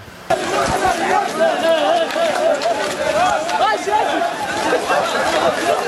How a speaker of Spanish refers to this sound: Se les oye correr